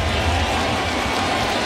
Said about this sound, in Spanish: Ahora está metido en el hoyo. 2 strikes sin bola para Jared Jones. El público se va poniendo de pie. Empiezan a batir palmas.